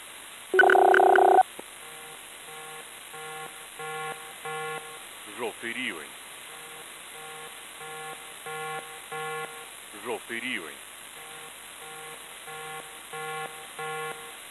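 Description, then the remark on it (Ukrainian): An air raid alert signal for Lubny district, Ukraine, from the civil protection office of the Poltava regional military administration: a loud electronic burst, then a steady rhythmic run of repeating synthetic tones, with a distorted announcer-like voice cutting in briefly twice. “Громадяни, повітряна тривога, повітряна тривога.”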